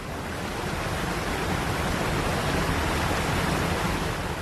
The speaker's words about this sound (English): A loud and intrusive natural sound, such as a waterfall, has evolved as part of an ecosystem over a long period of time. The living things which share its habitat have evolved with it